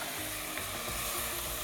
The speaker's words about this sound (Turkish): Şimdi tavuk suyumuzu ekliyoruz.